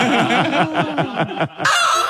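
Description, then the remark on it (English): A hen clucks in a fast, steady run of about eight sharp, loud clucks, ending in a brief raspy squawk, used as the CFM radio station's 'mad hen' clucking cue. It may be a person imitating a chicken. “And when you hear our mad hen clucking, give us a buzz”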